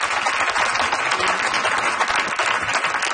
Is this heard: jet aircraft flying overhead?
no